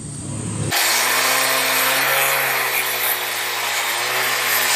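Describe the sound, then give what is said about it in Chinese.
A power tool starts abruptly and grinds a zimu (mother-and-child) stone down toward a shape for painting, producing a loud, harsh, continuous whine with a steady motor hum underneath. It runs uninterrupted until the end, with no voices. “经过两个小时的切割、敲打与反复打磨，这块子母石终于接近了可作画的理想形状。”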